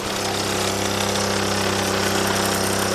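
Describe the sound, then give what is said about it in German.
A Solex moped engine in Deux-Lémont, started by lowering the motor, opening the throttle, pressing the decompressor and taking a running start, runs steadily with a loud, buzzing drone holding an even pitch and volume; it drives through a friction roller on the tyre. No voices. “Also, ich muss einfach den Motor runterlassen, Gas geben, den Dekompressor hier drücken, Anlauf nehmen und dann geht es los.”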